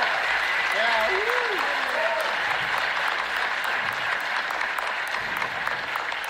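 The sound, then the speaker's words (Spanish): A large concert audience claps steadily and loudly for several seconds, a dense unbroken wash of applause, with a few voices whooping and cheering near the start. “Y quiero pedirles un fuertísimo aplauso”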